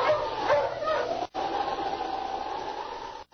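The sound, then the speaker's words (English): A sled dog team barks and yips excitedly in a busy chorus over a steady whooshing background, with a brief break before the barking resumes, as Sergeant Preston drives it through heavy snow in mountainous Yukon country toward the town of Chilcutt, north of Dawson. “Sergeant Preston of the Northwest Mounted Police drove his dog team toward the town of Chilcutt, north of Dawson.”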